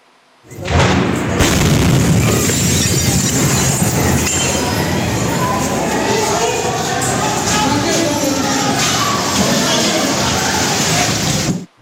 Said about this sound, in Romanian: Imaginile filmate de martori surprind momentul deflagrației și clipele de haos care urmează. Zeci de oameni se grăbesc să se pună la adăpost. Explozia s-a produs într-o zonă unde erau depozitate materiale pirotehnice ale Ministerului Apărării